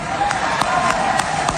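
A large crowd applauds loudly in a dense, sustained wash of clapping and murmur, with sharp claps standing out at a steady, regular beat, at a Republican campaign event in Florida, after a speech by lieutenant governor nominee Brian Avila.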